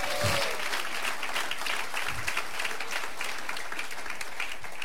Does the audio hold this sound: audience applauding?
yes